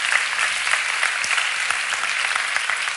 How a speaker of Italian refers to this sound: Vorrei che le facesse subito un applauso. Grazie.